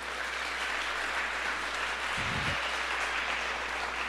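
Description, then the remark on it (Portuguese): An audience at a sermon applauds, a dense, steady wash of clapping that holds for the whole stretch, with one brief low thump partway through and no voices over it. “Pode aplaudir isso em nome de Jesus?”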